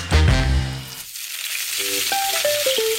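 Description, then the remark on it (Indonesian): Steady crackling sizzle of vegetable fritters (bakwan) of carrot and cabbage coated in batter, deep-frying in hot oil until crispy, fairly loud, with a few short musical tones sounding over it near the start and end. “Ada wortel, ada kubis atau kol dibalut tepung, terus digoreng sampai renyah.”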